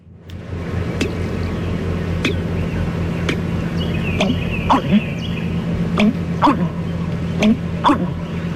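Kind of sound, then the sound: bird, american bittern call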